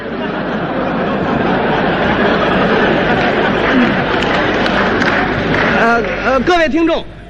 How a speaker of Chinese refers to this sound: 好球，刚才庄子栋闪电式的一击结束了比赛，这一局的比分是21-15，庄子栋以3-0淘汰了日本队员高桥浩。这时全场观众再次起立欢呼， 中国庄子栋，